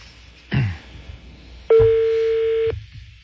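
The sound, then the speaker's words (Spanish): An outgoing call to a gym instructor's phone, its ringing tone sounding once, a steady mid-pitched electronic beep lasting about a second, preceded by a brief clunk against a low background hum. “Está sonando.”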